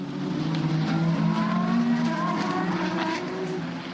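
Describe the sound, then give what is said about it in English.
Racing cars, led by Will Stevens, roar past at full speed as the race goes green after a safety car period, a loud, continuous engine drone with shifting high-pitched whines that rise and fall over four seconds, with no talking. “to the sound of full speed, full noise racing cars, and it will be Will Stevens who brings them around.”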